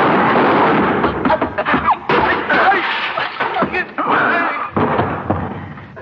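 gunshot

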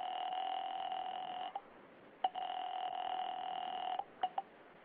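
telephone being dialed

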